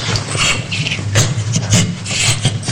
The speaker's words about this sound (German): Das war ein Mops. Was? Das war ein Mops. Das war kein Gorilla.